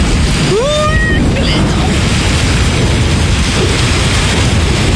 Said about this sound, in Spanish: Entro a la aplicación y me pongo este. Sonido de lluvias y tormentas. Hermoso. Y cada tanto se escucha un trueno.